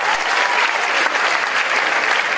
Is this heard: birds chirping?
no